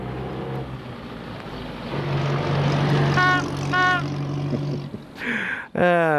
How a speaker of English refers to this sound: Oh, no, there he goes. He's jumped in his own car,